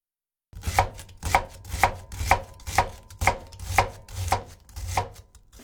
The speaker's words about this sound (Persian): خب بیایید با تهیه مایه گوشت آشپزی رو شروع کنیم. ابتدا پیاز رو نگینی خرد می‌کنیم.